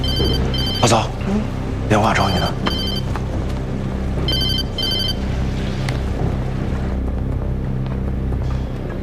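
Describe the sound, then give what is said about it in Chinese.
A telephone rings in short, high, trilling bursts, about three rings with pauses between them, over a steady low rumbling background with faint voices underneath. “嫂，电话找你呢。”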